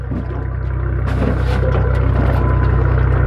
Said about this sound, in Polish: Sternik nasz odcumowuje naszą łódkę.